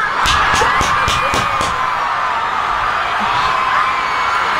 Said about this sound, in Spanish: Recibamos con amor y con un aplauso inmenso, por favor,